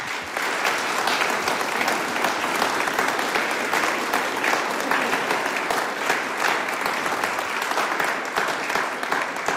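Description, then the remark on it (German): Steady applause from an audience for a singing group and their accompanist, a dense wash of many hands clapping at a constant loud level for the whole stretch, with no voices on top. “Und damit es nicht gar so trocken wird, kriegen die dabei einmal einen Applaus.”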